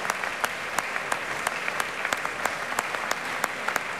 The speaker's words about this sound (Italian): E adesso sta stringendo le mani alle prime parti dell'orchestra. Come si sente, c'è un applauso anche per lui, molto caloroso, anche per l'orchestra che è tutta schierata.